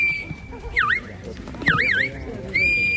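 A shepherd's high, piercing whistle holds a steady tone, breaks into two quick rising-and-falling warbles, then settles back to a long steady note over low outdoor rumble, as shepherds direct herding dogs driving flocks at a sheepdog trial in Prades, Baix Camp, Catalonia, a round of the Catalan Championship.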